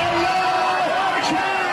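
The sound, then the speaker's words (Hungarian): A dense, loud crowd of many voices cheers and shouts together in a continuous roar in the streets of Tehran, Iran, celebrating as missiles are launched toward Israel, with a brief higher whoop rising above the din near the end. “Teherán utcáin ünneplő tömeg éjjenzett, amikor kilőtték a zsidó állam felé tartó rakétákat.”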